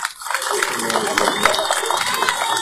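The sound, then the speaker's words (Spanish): An audience breaks into steady applause in tribute to a newly built hospital project, a dense wash of many hands clapping that swells quickly and holds at an even, fairly loud level, with faint crowd murmur underneath. “Así que vamos a tributar un voto de aplausos el día de hoy por este gran proyecto.”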